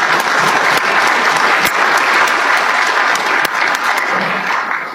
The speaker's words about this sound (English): And before we get started, I want this group to give themselves a round of applause for the things that you've been able to donate.